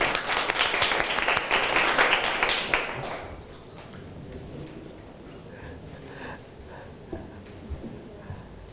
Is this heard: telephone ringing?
no